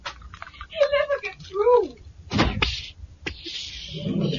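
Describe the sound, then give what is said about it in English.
A door creaks open with a wavering squeal, followed by a couple of heavy clunks and a steady rushing hiss. “Stand back while I open the door.”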